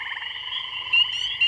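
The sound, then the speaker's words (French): A dense chorus of frogs croaking steadily together, a continuous buzzing trill with two brief louder, sharper calls rising above it near the end. No voices. “Les batraciens, des grenouilles, des crapauds”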